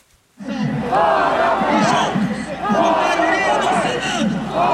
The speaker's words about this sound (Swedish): Det är Brasiliens självständighetsdag och folkmassan på Avenida Paulista skriker ut med Moraes gång på gång medan talarna på scenen avlöser varann.